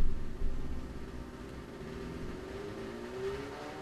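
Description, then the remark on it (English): A small sport motorbike engine drones steadily, then revs up with a rising pitch toward the end, with no one talking over it. “Eh, little crotch rocket, not even a motorcycle.”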